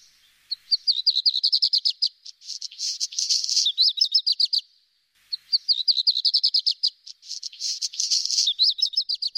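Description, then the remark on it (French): A black redstart sings two similar phrases in a row, each a quick run of high, clear notes breaking into a scratchy, crackling flourish, heard clearly with no voices. “Écoutez le rouge-queue à front noir.”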